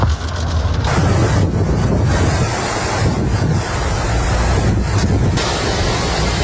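A loud, steady roar of torrential rain pours down during a storm in the city of Jaén, Spain, with hail, at least 30 litres falling in 20 minutes and flooding streets, basements and garages, mixed with rushing water and gusty wind buffeting the microphone, continuous throughout with no voices.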